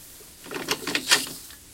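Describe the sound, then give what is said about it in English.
A few soft, quick taps on a kitchen door, about three knocks in a short irregular cluster, light, with no voices around them. “She heard a gentle tap on the kitchen door and quietly went to answer.”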